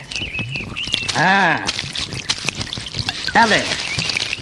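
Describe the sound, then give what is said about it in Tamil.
Brandy splashes and trickles steadily onto the ground for a few seconds as it is poured out, while brief voiced sounds rise over the pouring. “என்ன பாதி பிராண்டிய மண்ண தோண்டி போதைக்கிறீங்க?”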